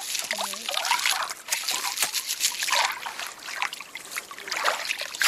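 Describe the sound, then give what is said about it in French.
Water of the Dordogne river in France trickles and babbles steadily over small pebbles at a spot called Les Graviers, a bright, continuous gurgling with small splashes and no voices. “Bien, la rivière, elle nous a amené plein de petits galets.”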